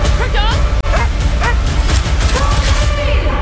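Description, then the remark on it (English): Crypto, Supergirl's super-powered dog in the film Supergirl, yips and whimpers in short, high-pitched bursts over a dense, rumbling movie-style soundtrack, with a sharp impact partway through and other action noise underneath. “And if you're a dog lover, you'll find Supergirl's super-powered dog, Crypto, absolutely cute.”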